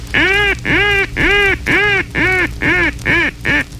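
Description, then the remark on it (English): A mallard highball call blown loudly on a duck call: about eight long, ringing quacks in a steady cadence, each note a little shorter and quicker toward the end, with no voices. “There are four essential calls for mallards, black mallards, and puddle ducks in general. The first essential call is a high ball.”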